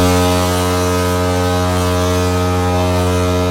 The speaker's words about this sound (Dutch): Hij maakte een ijsbeer wakker die op de kant lag te slapen. Hij wilde dat beest verjagen en gebruikte daarvoor op zijn schip de misthoorn. Dat moet ongeveer zo geklonken hebben.